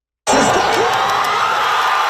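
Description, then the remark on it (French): A large crowd of Canadian soccer fans watching the match erupts into loud, sustained cheering at the final whistle as Canada's men's team qualifies for the World Cup round of 16 with a 1-0 win over South Africa, a dense roar of shouts and whoops that holds steady without letting up. “Explosion de joie.”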